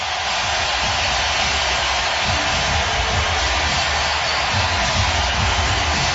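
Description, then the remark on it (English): A hockey arena crowd roars in a dense, unbroken wash of noise during the first period of game 5, with the Carolina Hurricanes leading 3-0, holding loud and steady for about six seconds with no single voice standing out. “Listen to this crowd.”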